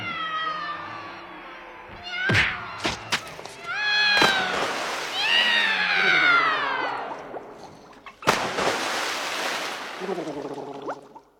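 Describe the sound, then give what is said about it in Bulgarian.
Several cats meow and yowl in drawn-out, wavering cries, overlapping at times, with a few sharp clicks and a burst of hissy noise near the end; fairly loud. “Ема вие сте направо невъзможни, май няма да имам мира от вас.”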